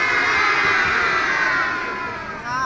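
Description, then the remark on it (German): An audience of children shouts back replies all at once, a loud, dense wash of high voices that swells and then tapers off over a few seconds. “Oder, liebes Publikum, was sagt ihr dazu?”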